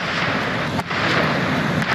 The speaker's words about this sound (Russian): Это российский ударный дрон «Гербера».